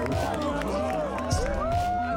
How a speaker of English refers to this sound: Listen to this crowd.